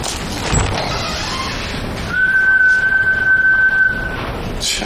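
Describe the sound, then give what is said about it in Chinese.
A whistle is blown once in a single long, steady, shrill blast lasting about two seconds. It sounds loud over a low background hum, with no one talking. “你这一来先吹哨啊”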